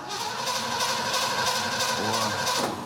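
A car engine cranks over and over in a steady, rhythmic churn without catching, the whirring starter motor loud and continuous for about three seconds, as the car is tried after its old ignition module was replaced with a new one.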